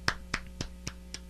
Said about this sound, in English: I just hear clapping. I think that's a good sign.